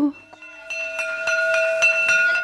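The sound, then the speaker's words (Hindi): A school bell rings in a steady stream of rapid metallic strikes over a sustained bright tone, fairly loud, starting after a brief quiet moment and continuing without pause. “school की घंटी सुनकर वो बस्ता”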